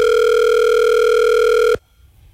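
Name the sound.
telephone dial tone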